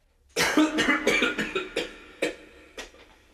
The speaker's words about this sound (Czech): A také mezi jednotlivými větami cyklické skladby. Zde se naopak netleská a smí se jen kašlat.